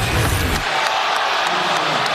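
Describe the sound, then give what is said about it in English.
A large arena crowd at an NBA Knicks game roars in reaction to a replay, a steady, loud wash of voices with a deeper rumble in the first half-second, then a sustained, hissy din. “You hear the crowd reacting to the replay.”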